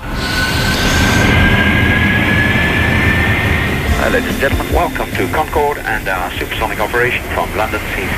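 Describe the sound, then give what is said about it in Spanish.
The loud, steady roar of a Concorde supersonic airliner, recorded on a real flight, with a thin whine gliding slightly upward over the rumble. Partway through, voices start talking over the constant noise. “Es un sonido real, de un vuelo real.”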